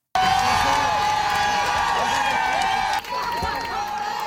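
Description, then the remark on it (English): A large outdoor crowd of fans outside the Verdun Auditorium cheers and whoops continuously as a women's hockey team gets off the bus from Ottawa with its first Walter Cup, with overlapping shouts and high excited voices, steady and loud throughout with a brief dip near the end. “Those are fans cheering the Montréal Victoire as they got off the bus from Ottawa and hoisted their first ever Walter Cup.”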